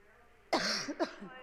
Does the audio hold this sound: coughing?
yes